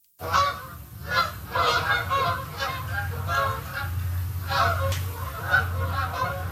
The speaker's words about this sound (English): It's a familiar sound this time of the year. Canada geese making their way south for the winter. Between mid-August and November, millions of birds migrate through southwestern Ontario.